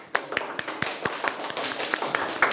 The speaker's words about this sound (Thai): เยี่ยมมากเลยค่ะขอบคุณทั้งผู้ให้ข้อเสนอและก็ผู้นำเสนอค่ะปรบมือให้เพื่อนๆด้วยค่ะ